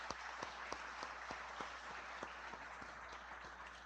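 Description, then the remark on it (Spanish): A parish crowd applauds the fellow members who helped at parish events, a dense wash of many hands clapping with a few sharper individual claps standing out, at an even, moderately loud level for several seconds. “Un aplauso para los hermanos.”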